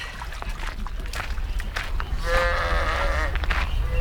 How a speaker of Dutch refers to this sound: Nu bij de kinderboerderij. Die is hier ook sinds de jaren 60. Met, je hoort ze al, schapen, pauwen en een heleboel andere dieren.